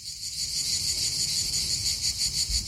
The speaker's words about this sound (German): Und jetzt stellen Sie sich mal vor, es ist ein Sommerabend. Die Sonne geht langsam unter. Der Himmel, der färbt sich langsam orange-rot. Sie hören Zikaden.